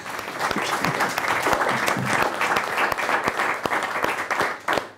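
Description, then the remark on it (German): An audience applauds a teacher from Düsseldorf steadily, dense clapping filling the whole stretch with a bright, crackling wash and a few sharper individual claps standing out. “Ich glaube, das war auch ein ganzes Stück weit Ihr Applaus.”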